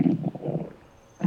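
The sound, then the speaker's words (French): A hungry stomach gurgles with low, bubbly rumbles in two quick bursts, falls quiet briefly, then gives one more short gurgle. Fairly loud, with no voices. “Doudou a le ventre qui gargouille parce qu'il commence à avoir faim.”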